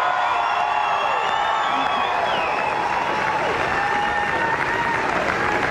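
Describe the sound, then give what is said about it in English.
A large crowd at the Logies gives a standing ovation to Australian comedian Magda Szymanski, appearing in character as Sharon Strzelecki in a surprise skit: sustained, loud applause with cheering and whoops rising over the clapping, a dense, continuous roar of an audience on its feet. “The iconic Australian comedian receiving a standing ovation from the crowd as she appeared in character as Sharon Strzelecki.”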